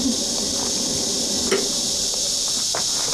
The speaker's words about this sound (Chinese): 你能停一停吗？我这跟你说话呢，停一停！你看溅得我一身都是。